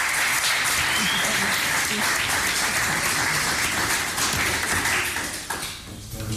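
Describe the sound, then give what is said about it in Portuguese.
Sustained applause from an audience for a professor, a dense wash of many hands clapping at steady loudness for several seconds, then thinning out and fading toward the end. “Eu pedi uma salva de palmas para a professora.”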